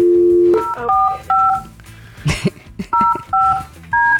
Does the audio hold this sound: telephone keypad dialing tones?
yes